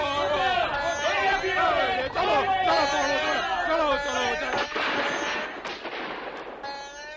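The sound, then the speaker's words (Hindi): Soldiers' gunfire cracks out at villagers in a few sharp bursts amid a loud, continuous clamor of many voices shouting and crying out together. “सिपाहियों ने गोलियों की भयानक बरसात कर दी।”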